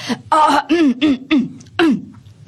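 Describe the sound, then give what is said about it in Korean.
A voice imitates a grown-up clearing its throat and coughing, as the breeze Sandeulbaram fake-coughs to clear its voice: a string of five or six short, gruff, voiced bursts in a staggered rhythm, fairly loud, with no words spoken. “사뭇 어른들의 기침 소리를 흉내내기까지 산들바람은 우쭐해졌어요.”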